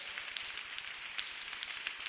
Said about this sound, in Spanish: Fuerte ese aplauso a la palabra del Señor.